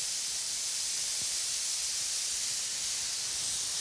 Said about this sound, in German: Das Spitzmaul-Nashorn genießt offenbar den massierenden Wasserstrahl.